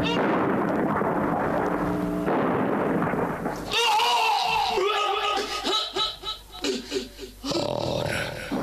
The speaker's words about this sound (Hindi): Major Sharma एक जगह magazine में गोलियां भर ही रहे थे कि दुश्मन का एक बम उनके बगल में पड़े एम्युनिशन के भंडार पर आ गिरा।